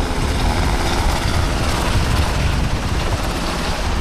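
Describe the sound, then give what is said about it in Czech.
Two Black Hawk firefighting helicopters, their water buckets filled with about 2,500 liters each, take off from a filling station near the village of Brio to fight a fire about 3 kilometers away. A dense, steady rumble of rotor and engine noise and heavy low-end thumping fill the whole stretch without pause. No one speaks. “Bambivaky jsou plné a vrtulníky teď vzlétají a letí hasit požár, který je asi 3 kilometry odsud.”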